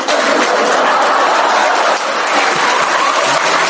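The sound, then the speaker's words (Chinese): Steady, dense applause from an audience at a Chinese crosstalk (xiangsheng) comedy show as the two performers walk out. It fills the whole stretch, many hands clapping at once into a continuous patter with no voices on top. “一大帮观众搁这儿，俩说相声往外一走，那儿有人带着鼓掌，犄角旮旯椅子里。”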